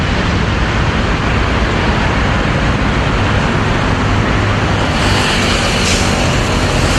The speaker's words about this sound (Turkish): İkili arasındaki sohbet sürerken sokağa özel halk otobüsü girdi.